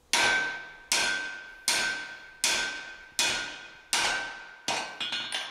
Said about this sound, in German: Durch das Schmieden des Loches, auch Auge genannt, wird das Material langsam verdrängt. Dabei ist Felix nicht gerade zimperlich mit Hammer und Meißel.